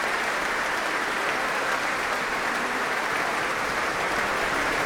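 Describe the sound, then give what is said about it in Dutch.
Sustained applause from a large concert audience and the musicians of the orchestra as soprano Mirella Hagen and mezzo-soprano Olivia Vermeulen take a bow, a dense, even wash of clapping for the whole stretch, with no voices standing out. “Applaus ook van de muzici van het orkest voor deze twee zangeressen.”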